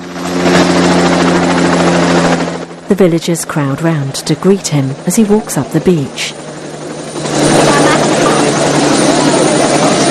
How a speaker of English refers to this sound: A helicopter with a spotlight whirs towards the beach, coming in for a landing.